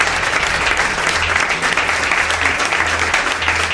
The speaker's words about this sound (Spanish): pide un aplauso.